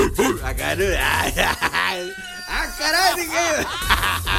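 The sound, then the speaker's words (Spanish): A person imitates a dog barking, with a series of loud, voiced bark-like yelps in quick bursts, rising and falling in pitch, some stretched into howling whines. “Tan perronski que van a ladrar, güey.”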